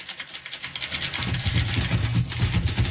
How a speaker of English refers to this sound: Typewriters were built with keys, akin to the keyboard of a piano. By pushing the keys, or buttons, of a typewriter, people could write much faster than they could with pen and paper.